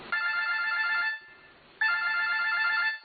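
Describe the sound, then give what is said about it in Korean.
A telephone rings in two long electronic bursts separated by a brief pause, each a steady, bright trilling tone, fairly loud with no one talking; a call coming in to the 110 rescue service at about 2 a.m. “네, 어느 날 새벽 2시경에 110 구조대에 이런 전화가 걸려왔습니다.”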